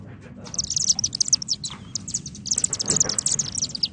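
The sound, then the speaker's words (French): Rapid, high-pitched chittering twitters from several chimney swifts, coming in dense bursts over a steady low rumble of background noise, moderately loud. “Vous irez voir sur Internet, là, Martinet Ramoneur. Et il a aussi un cri particulier.”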